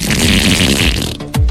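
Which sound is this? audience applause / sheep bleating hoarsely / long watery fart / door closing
long watery fart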